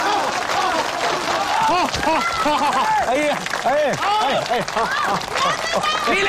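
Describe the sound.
An audience applauds steadily and loudly throughout as a candidate is called up to give a speech, with many voices shouting and cheering over the dense clapping.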